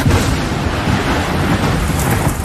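A heavy thunderstorm breaks over the village of Lioran, roaring steadily, with deep rumbling thunder beneath dense, hissing rainfall. Loud, the noise fills the whole stretch without pause and no voices are heard.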